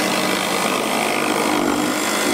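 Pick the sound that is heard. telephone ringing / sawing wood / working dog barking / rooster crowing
sawing wood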